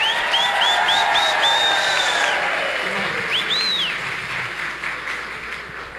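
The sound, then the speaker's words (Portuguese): A large crowd at the parish of Nossa Senhora Aparecida e Senhora Santana in Caetité gives a strong round of applause, clapping steadily in a dense, loud wash that eases slightly toward the end, with a run of high, arching whistle-like tones early on and a couple more midway. “E uma forte salva de palmas.”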